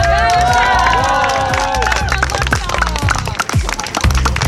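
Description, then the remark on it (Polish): A crowd squeals and cheers loudly, welcoming a swimmer with flowers after her 10-hour, 2-minute swim across Lake Jeziorak in Iława, Poland. High-pitched shrieks weave over steady excited shouting and clapping, with bursts of voices throughout. “Jak najlepiej ją przywitać? Tylko kwiatami i piskiem.”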